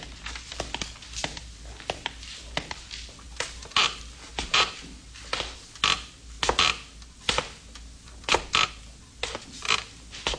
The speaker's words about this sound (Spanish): subió una corta y carcomida escalera, cuyos peldaños resonaban como si se quejasen.